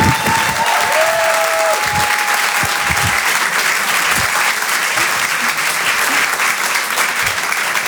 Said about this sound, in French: Je vous demande de l'encourager, de l'applaudir très chaleureusement.